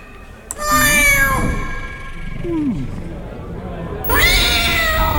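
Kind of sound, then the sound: animal, cat meowing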